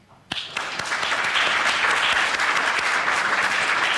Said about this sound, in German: und ich würde sagen, wir klatschen jetzt mal für unser Podium hier.